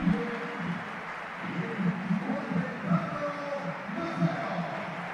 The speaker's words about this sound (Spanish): Bueno, pues es un buen aplauso para Mafeo, ¿eh?